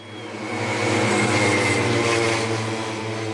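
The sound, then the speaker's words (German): Pacer motorcycle engines rattle and drone steadily at a motor-paced (stayer) bicycle race at the track in Forst, Lausitz, Germany, with cyclists riding in their slipstream. A loud, continuous mechanical roar with a low humming undertone swells slightly in the middle and holds, with no talking. “Vorneweg knattern die Motoren der Schrittmachermaschinen.”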